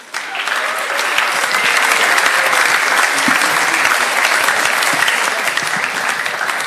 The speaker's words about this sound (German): Okay, also dann Applaus für die Workshopleiter.